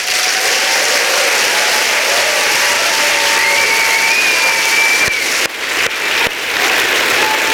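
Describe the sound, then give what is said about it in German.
Steady, dense applause from an audience, loud and continuous throughout, with a few faint whistles or cheers rising above the clapping and some sharp bursts near the end. “Und großen Applaus für Kim Katrin!”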